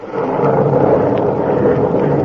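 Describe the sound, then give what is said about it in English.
A loud, steady roll of thunder from a storm rumbles continuously through the whole moment, dense and low with no break, and no voices over it. “And God, the storm has answered.”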